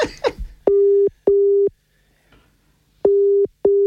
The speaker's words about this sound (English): It's going to ring her and put her on loudspeaker. Yeah, I'm going to ring her. Here we go.